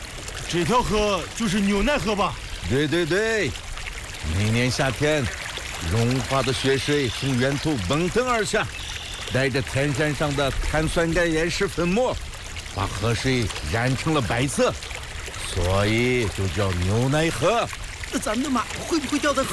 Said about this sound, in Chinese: 大哥，这条河就是牛奶河吧？对对对，每年夏天，融化的雪水从源头奔腾而下，带着天山上的碳酸钙岩石粉末，把河水染成了白色，所以就叫牛奶河。